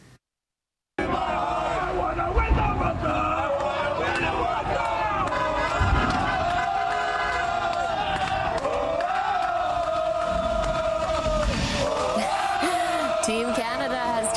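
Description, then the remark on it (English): A large crowd of supporters cheers and shouts continuously outdoors in Toronto on a Sunday afternoon as the arriving players' team bus passes by ahead of the FIFA World Cup, with overlapping voices, whoops and chants forming a loud, dense roar that swells in places and holds steady after a brief silent start. “The players landing Sunday afternoon with a crowd of supporters cheering them on outside as their team bus passed by.”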